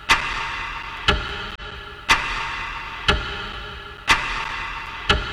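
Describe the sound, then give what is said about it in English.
The countdown clock of Marvel's Avengers Doomsday YouTube live stream ticks steadily, one crisp, sharp tick about every second, six in all, over a constant low background hum with no voices. “And every once in a while, there's a new mysterious voice clip playing alongside the endless ticking just to keep you glued.”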